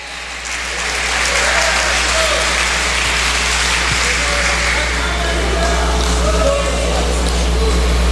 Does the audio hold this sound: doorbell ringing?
no